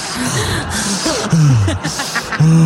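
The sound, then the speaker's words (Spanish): A voice imitates Darth Vader's heavy, rasping respirator-style breathing, like someone out of breath after climbing three steps in high-altitude Quito, Ecuador. It has a few loud, drawn-out inhales and exhales with some voiced groaning mixed in and no clear words. “Sube 3 escalones allá y anda respirando como Darth Vader, yo creo.”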